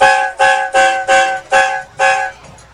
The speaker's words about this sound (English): And there's the train horn again.